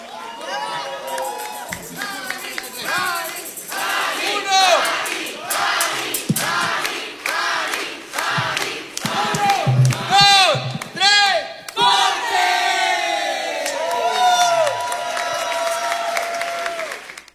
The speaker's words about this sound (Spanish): aplauso. Gracias a todos. Me han dado una noche muy bella. Gracias.